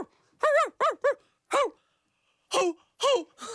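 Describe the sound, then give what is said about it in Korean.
A voice imitates a dog barking: a quick series of about seven sharp, yappy barks in uneven bursts, loud and close, with brief pauses between groups. “얘들아 집에 가서 엄마 아빠한테 두 대 틀어달라고 해. 알았지? 멍멍!”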